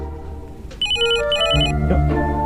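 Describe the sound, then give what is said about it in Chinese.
A phone rings with a bright electronic ringtone, two quick repeated bursts of high tones, over a low hum with some background clatter. “肯定小英来电话。”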